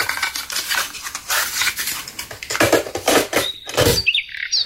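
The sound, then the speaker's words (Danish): Short bird chirps and whistles ring out near the end over a busy, clattering background of street and town noise in the town centre of Sprogø, recorded on a cassette tape, with no talking. “Fordi der er fuglearten jo lidt anderledes, end hvis det er ude.”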